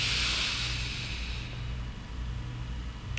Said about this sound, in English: So being able to tap into your breathing in an intentional way where you can be able to regulate yourself is going to be extremely vital. Just something as simple as holding, breathing in for four.